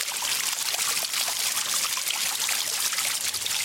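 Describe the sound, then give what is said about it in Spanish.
Water trickles and splashes steadily from a village fountain, a continuous bright babbling flow with no voices. “La fuente más importante del municipio es la Fuentecilla, pero la del Arroyo y el Corcho también tienen y tuvieron su importancia y, por supuesto, su historia.”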